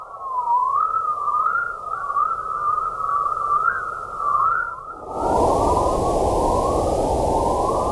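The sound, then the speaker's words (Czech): Electromagnetic waves from space at audible frequencies, nicknamed space chirping: a wavering, mid-pitched whistle trills with quick little rising chirps over soft hiss, then gives way to loud, steady static for the last few seconds. No one speaks. “Experti z Ústavu fyziky atmosféry Akademie věd a Univerzity Karlovy došli k závěru, že elektromagnetické vlny na slyšitelných frekvencích přezdívané vesmírné cvrlikání mají překvapivě pevné a pravidelné prostorové a časové rozložení.”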